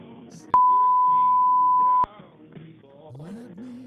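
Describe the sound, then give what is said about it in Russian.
A single loud, steady exact-time signal beep on radio Chipldook holds one high pitch for about a second and a half, cutting in sharply over people talking, whose voices carry on after it stops. “Передаем сигналы точного времени на радио Чипльдук для людей с замедленным восприятием информационного потока.”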